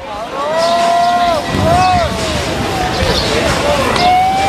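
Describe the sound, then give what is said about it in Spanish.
A bustling crowd fills the scene with steady commotion, voices calling out over a continuous murmur and shuffling of many people running along a road outdoors, taking off their coats and throwing them onto the road, others waving olive branches, loud throughout. “Miren, algunas de las personas están corriendo, quitándose los abrigos y arrojándolos por el camino delante de Jesús”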